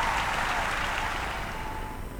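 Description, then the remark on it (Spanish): Sustained applause from a crowd, a dense steady wash of clapping that stays loud and even throughout, with no voices standing out above it. “Fuerte ese aplauso, bien, bien arriba.”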